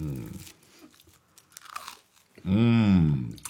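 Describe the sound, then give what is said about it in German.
Someone eats goose foie gras from Duperrier on toasted brioche, with soft, irregular crunching and chewing between short voiced sounds, ending in a louder, drawn-out appreciative hum that rises and falls in pitch. “Das ist die beste Foie gras, die ich je gegessen habe.”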